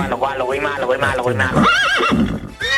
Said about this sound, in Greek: Καταλαβαίνετε, έτσι. Το άλογο του ομίλου.